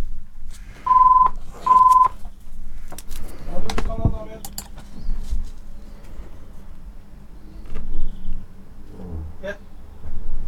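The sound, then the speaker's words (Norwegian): Two steady ringing tones sound through a phone line, each about half a second, separated by a short gap, followed by a stretch of muffled voices and background noise. “Og der ringer det.”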